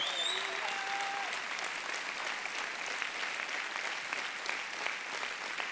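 A church audience applauds steadily, a dense wash of many hands clapping at an even level throughout, with a few faint whistles or cheers rising above it near the start.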